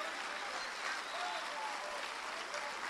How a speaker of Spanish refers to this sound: Amén. Un aplauso al Señor.